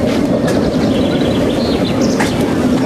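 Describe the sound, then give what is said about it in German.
A loud, steady mechanical rumble of a roller coaster train pulling in, with a dense low roar and faint high squeals and chirps over it. “Endlich fuhr wieder ein Zug ein.”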